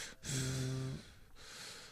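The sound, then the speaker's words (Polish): A pet named Enki, waiting impatiently in the background, breathes heavily and pants, one long breathy huff with a brief whiny, voiced snort, followed by softer rasping breaths, with no talking. “A tam cóż, Enki czasem, taki czasem biedny dobrze, czeka w tle i tak zaraz będzie sapanie słychać takie...”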